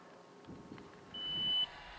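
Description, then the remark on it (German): A single high-pitched electronic alarm beep, steady and about half a second long, sounds fairly loud over a low, rumbling background with no talking. “Du empfängst den Alarm und deine Kollegen auch?”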